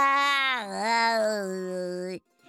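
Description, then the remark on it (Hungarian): A person imitates a cat with one long, drawn-out meow lasting about two seconds. The pitch wavers and dips early, holds steady, then drops off abruptly, with no other sound around it. “S a kis csacsi elváltoztatta a hangját, és nyávogott egyet.”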